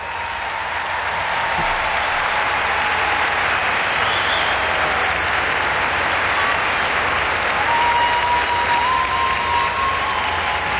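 A huge crowd at the Arena di Verona gives a standing ovation, applauding in a sustained, dense roar of clapping that stays loud and steady throughout, with faint cheers and whistles rising from the mass of hands.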